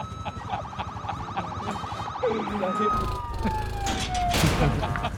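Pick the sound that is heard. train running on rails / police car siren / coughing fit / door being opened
police car siren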